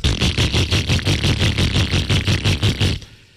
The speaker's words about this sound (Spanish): Les tengo que decir que la moto número uno en ventas en Colombia está a su alcance. Usted tiene una moto como esta, que suena así.